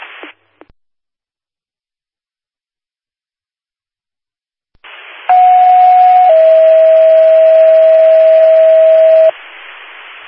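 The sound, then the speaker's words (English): Over a hiss of radio static, a loud steady paging tone sounds for about a second, then drops to a slightly lower pitch held for several seconds: two-tone general alert tones from Wheatland Fire Authority dispatch for a vehicle accident at 4633 Virginia Road, reported by an iPhone crash detection alert. “Attention Wheatland Fire Authority, general tones for a vehicle accident, 4633 Virginia Road.”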